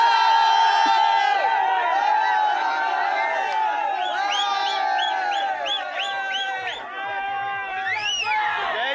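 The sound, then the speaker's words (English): A dense crowd at the TVK celebrations near the headquarters cheers and whoops continuously after election results, with many overlapping high-pitched voices and shouts rising and falling, loud and sustained throughout. “But once a formal announcement comes in from inside the headquarters, the celebrations will only intensify, and I can assure you the crowds that will the you know that are here will increase manifold.”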